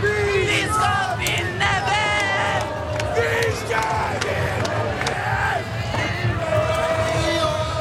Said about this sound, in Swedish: Och om inte vore värre så vann ju också Norge mot Brasilien under gårdagen. En otrolig match, och vi kan lyssna lite på hur det lät när tusentals, närmare hundratusentals människor samlades på Norges gator.